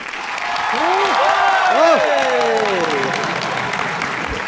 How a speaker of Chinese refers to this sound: 我一说开始，大伙儿掌声就给起来啊！ 谢谢大伙儿 啊！欢呼声最好再热烈啊！开始。